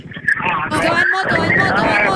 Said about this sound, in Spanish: Mi vida, si está en un carro, suba a la ventana que escuchamos solo el viento.